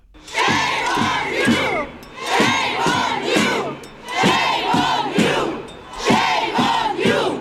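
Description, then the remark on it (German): A crowd of hundreds of demonstrators on the Bundesplatz in Switzerland, recorded in December, chants loudly in unison, repeating the same rhythmic phrase in four regular bursts separated by brief pauses. “Das sind Aufnahmen vom Dezember. Hunderte Menschen demonstrierten auf dem Bundesplatz.”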